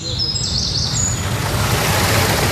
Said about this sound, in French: Au chant des oiseaux se mêle désormais le murmure de l'eau. Longtemps asséché, le petit étang a retrouvé son niveau d'antan. Il est alimenté par la cascatelle fraîchement restaurée.